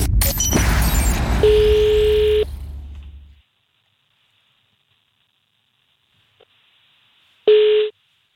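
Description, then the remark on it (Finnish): A burst of noisy clatter gives way to a steady electronic telephone tone, then silence, and finally one short, loud tone pulse, like a call being dialed and ringing. “Ai että, jalat pöydälle ja luuri käteen. On nimittäin perjantai-puhelun aika.”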